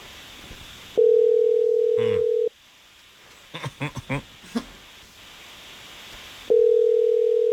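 A steady telephone tone sounds for over a second, then a quick run of five or six dialing beeps follows, and the ringing tone starts up again at the end, clear, as a phone call is placed live on a radio morning show.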